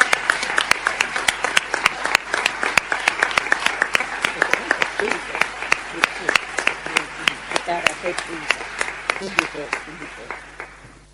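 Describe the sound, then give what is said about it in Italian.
An audience at the De Santis human rights prize ceremony applauds the students whose works are displayed by the Aula Magna, a dense steady patter of many hands with a few louder individual claps standing out, gradually thinning and softening toward the end. “Abbiamo tutti apprezzato molto le loro opere che sono esposte dinanzi all'Aula Magna e sono stati molto bravi e meritano un applauso.”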